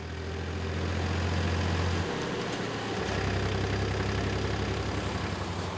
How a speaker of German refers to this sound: Sensationell, es ist schon Mitfahrgelegenheit Nummer 3 heute und der zweite Trecker.